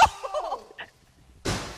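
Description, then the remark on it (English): A sudden, loud crash of a sledgehammer smashing the glass of a BMW car, with a burst of crackling shards, after a few seconds of faint, wavering squeaks and murmurs. “About to smash the BMW. He's got a sledgehammer in his hands.”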